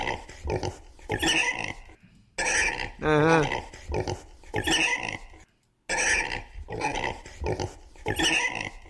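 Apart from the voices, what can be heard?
pig grunting and oinking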